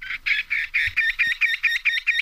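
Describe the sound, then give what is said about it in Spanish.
A bird sings a rapid series of about ten identical, buzzy notes in a steady, even rhythm, loud, with nothing else audible around it. “¡Ay, qué agradable escuchar a este pájaro!”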